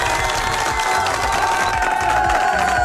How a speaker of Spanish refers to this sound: Gracias por las votaciones, familia. Un fuerte aplauso para ustedes, por favor.